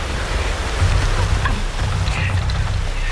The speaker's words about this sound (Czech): Náhodou, když jsi v suchu, tak je déšť a vítr v lese. Na spaní to nejlepší. To tě uspí raz, dva.